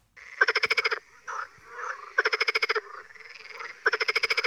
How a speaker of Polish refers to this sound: Żabie koncerty, które dla jednych są kojącą muzyką natury, dla innych tajemniczym hałasem dobiegającym z nadstawów i mokradeł.